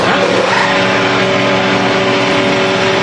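An IndyCar race car engine revs loudly and steadily, its high-pitched mechanical whine holding strong for a few seconds without any pauses or talking, at a Freedom 250 Grand Prix showcase outside the White House hosted by President Trump.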